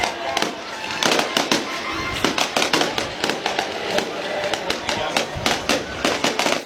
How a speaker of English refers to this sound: I was going to celebrate with a little bit of fireworks. Man, they're still going. Wow. Man. I mean, this is a full-on show. Incredible.